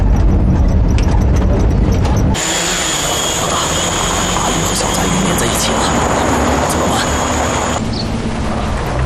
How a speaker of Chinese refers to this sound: 冲着他们那辆车超低空飞行，逼那辆车把后头那个小杂鱼给甩出去。 这里怎么会有无人机？